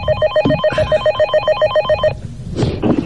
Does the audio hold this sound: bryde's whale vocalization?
no